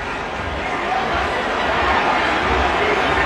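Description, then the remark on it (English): A large stadium crowd at a football game roars steadily in a dense, unbroken wash of voices that sounds displeased after a pass interference penalty wipes out an interception, holding a fairly loud, even level throughout. “He jumped in front, picked it off, and the crowd sees it. They don't like it.”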